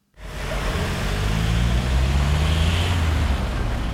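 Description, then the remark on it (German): Steady roar of city traffic at a busy intersection with several rail stops and numerous construction sites, at Weinbrennerplatz in the Südweststadt district of Karlsruhe, with engines humming and rumbling and a dense wash of road noise continuing without pause. “Eine Kreuzung mit viel Verkehr, mehrere Bahnhaltestellen und typisch für diese Stadt etliche Baustellen.”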